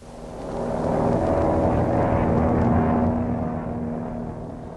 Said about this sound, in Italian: L'aereo per il Cile è partito.